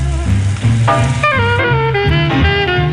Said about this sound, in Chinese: 牛排在铁板上滋滋作响